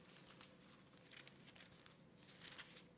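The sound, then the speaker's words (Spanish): Soft rustling of thin paper as pages of a paper Bible are flipped while looking up Matthew chapter 6, verses 31 to 33, with several quick brushing swishes in a row and no one speaking. “Lo estoy buscando en mi Biblia de papel. ¿Sí se alcanza a ver las hojas?”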